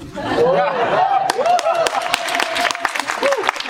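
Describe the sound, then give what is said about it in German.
Scattered clapping from an audience picks up after a moment, sharp irregular claps mixing with voices, laughter and rising vocal cries throughout. “Der Applaus kommt an der richtigen Stelle.”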